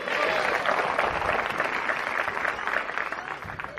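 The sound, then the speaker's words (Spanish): An audience claps steadily in praise of the Lord, a thick, crackling wash of applause that stays loud for several seconds, with scattered voices mixed in and the clapping thinning slightly toward the end. “Denle un fuerte aplauso a su nombre, sea la gloria.”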